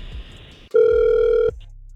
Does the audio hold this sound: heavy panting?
no